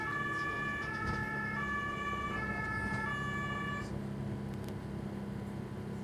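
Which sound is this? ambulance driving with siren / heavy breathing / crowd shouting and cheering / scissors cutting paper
ambulance driving with siren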